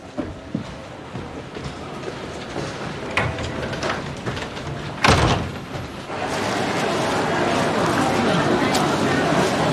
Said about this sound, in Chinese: 关门。